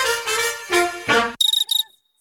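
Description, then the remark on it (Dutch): Two quick trills of rapid, buzzy cricket chirping follow a few sustained tonal notes, short chirp bursts, with a brief silence between and after them. “In juni kunnen zelfs de krekels niet zwijgen over de Citroën Summer Deals.”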